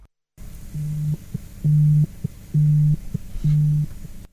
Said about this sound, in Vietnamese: Trên đoạn đường tuần tra biên giới, Thượng úy Nguyễn Hữu Dụng và đồng đội đang đi tuần tra thì gặp mưa. Đúng lúc đó, Dụng có điện thoại.